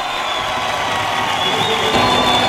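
A crowd at a cumbia tribute performance applauds and cheers steadily, a dense wash of clapping with shouts and whoops mixed in, loud and sustained throughout.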